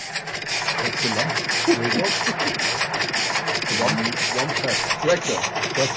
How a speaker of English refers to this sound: Oh, it's a tractor sound. Yeah, it's a tractor sound from 1938, just with one cylinder, you know. Yeah. Okay, so it's a 1938 track tape. It wasn't recorded in 1938.